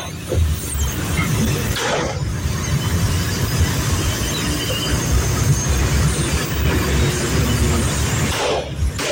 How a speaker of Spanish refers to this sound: Y efectivamente se puede confundir. Escuchemos nuevamente el sonido que provocaba pues la combustión pues de esta unidad del transporte.